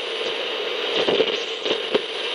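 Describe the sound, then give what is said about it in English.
A steady wash of radio static hisses on without a break, scattered with small pops and crackles. There is no voice or music, only the untuned noise at a moderate level. “Imagine that, just static.”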